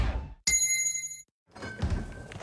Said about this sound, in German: Und jetzt wieder Trinkpause. Der Gong. Hydration Break. Nimm dir jetzt wieder einen guten Schluck für deine Gesundheit.